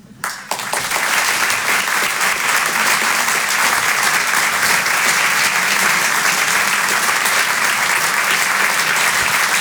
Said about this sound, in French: Merci beaucoup. Merci d'applaudir très fort Emmanuel Baudin en direct sur Rire et Chanson.